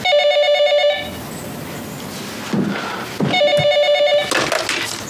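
A telephone rings in two bright, trilling bursts, each about a second long, separated by a pause of a couple of seconds. The ringing is fairly loud, with no one talking over it.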